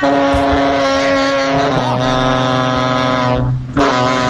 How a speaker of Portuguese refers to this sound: Cara, seu caminhão tá vivo, cara? Será que ele deve ser um robô? Você viu? É isso, velho. Nossa senhora, velho. Ó, seu. Tá parecendo um alienígena seu caminhão, velho. Tá barulhão estranho, hein?